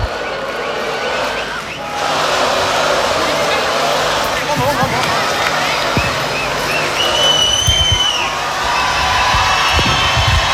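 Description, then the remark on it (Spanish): A large concert crowd roars with sustained cheering, clapping and shouts for an encore from a national band, with a few whistles rising above the steady, dense wall of noise for the whole stretch. “Pidiendo más fuerte el aplauso para esta gran banda nacional”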